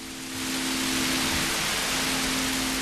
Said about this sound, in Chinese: 哎，最后这一段呢，就是去掉打雷的这个声音，你听他下雨的这个声音。